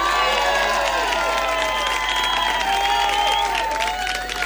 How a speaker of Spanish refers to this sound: ¡Un aplauso tremendamente enorme